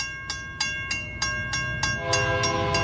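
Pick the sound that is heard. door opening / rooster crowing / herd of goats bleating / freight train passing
freight train passing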